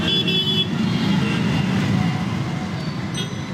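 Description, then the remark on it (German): Steady, dense street traffic in a large Indian city rumbles, with car horns tooting repeatedly over the engine noise in a continuous, busy roar. “Und was den Lärm angeht, mit jedem E-Motor nimmt er weiter ab.”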